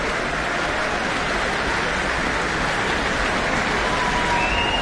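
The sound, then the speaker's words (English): A concert audience roars with steady, dense applause and cheering after a performance of Saint-Saëns' Third Symphony with pipe organ, and a thin, high whistle cuts through near the end. “Yeah, lots of whistles and cheers.”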